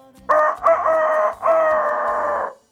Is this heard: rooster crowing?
yes